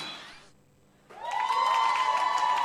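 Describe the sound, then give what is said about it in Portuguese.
A crowd breaks into applause, fades briefly, then surges back louder with cheering and whistles, a dense roar of clapping and shouting that keeps building. “Muita uma salva de palmas.”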